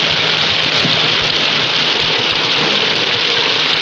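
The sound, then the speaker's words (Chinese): A steady, dense roar of heavy wind and rain late at night holds at an even level throughout, with a low rumbling undertone beneath the hiss and no voices. “飞机场离这好几十里，天这么晚，又是大风大雨，我回不来了。”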